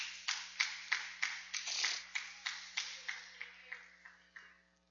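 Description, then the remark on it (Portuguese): An audience claps hands together in a steady rhythm, about fourteen sharp, evenly spaced claps that gradually fade softer toward the end, with a faint hum underneath; the clapping is joyful praise to Jesus during a church service. “Poder se assentar e louvar as palmas bem alegre para Jesus.”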